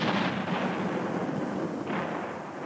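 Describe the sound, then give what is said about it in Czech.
A dense, continuous roar of heavy gunfire or cannon blasts fired by a prisoner at a castle, loud, with rumbling booms blending into one another and a fresh surge near the end. No voices are heard. “Když to král slyšel, rozkázal vězni, aby zanechal střelby a ten klobouk mu dal.”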